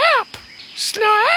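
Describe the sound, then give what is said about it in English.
A person's voice mimics the call of an 'Australian rubber bird' with two high, warbling cries separated by a brief pause and a short breathy hiss, fairly loud. “This is the call of the Australian rubber bird.”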